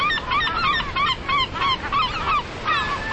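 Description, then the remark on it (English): American herring gulls call over and over in a busy, overlapping chorus, harsh nasal cries rising and falling with no pauses, fairly loud against a steady background hiss. “I'm Marcus Roston, a naturalist and birder in Buffalo, New York, where I love watching American herring gulls.”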